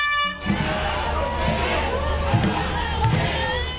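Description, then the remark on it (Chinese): A crowd cheers and shouts continuously, with slow, evenly spaced drum beats thumping underneath and a sustained horn tone at the start, during the Aberdeen dragon boat race in Hong Kong, as teams paddle to the drums and spectators watch from the typhoon shelter waterfront. “香港仔的龙舟竞渡赛被誉为是本港历史最悠久的龙舟赛事，至今已经有过百年历史，各支队伍随着鼓声和欢呼声乘风破浪。”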